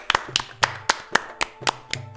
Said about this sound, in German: Als Fatima sich am Ende verbeugt, klatschen die drei ganz oft und ganz laut.